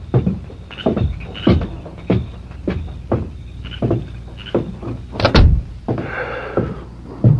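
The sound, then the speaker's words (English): A door shuts with a solid thud as a visitor leaves, near the end of a run of steady, evenly spaced heavy thumps like footsteps, followed by a brief shuffling rustle. No one speaks. “Who was at the door?”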